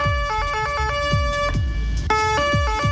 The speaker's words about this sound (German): Und Leute, ich möchte eigentlich nur über eine Sirene reden, und zwar die von unseren Freunden aus Österreich.